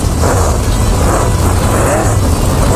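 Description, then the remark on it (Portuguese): The engine of a newly repaired vehicle nicknamed the foguetinho gives a loud, steady roar with a heavy low rumble and broad rushing noise, its pitch wavering slightly as it holds for a few seconds without any voices. “Escuta aí o ronco do motor do foguetinho.”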